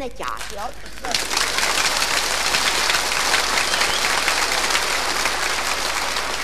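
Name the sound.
frenetic applause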